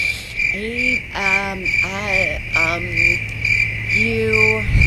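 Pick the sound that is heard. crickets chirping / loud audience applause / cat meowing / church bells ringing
crickets chirping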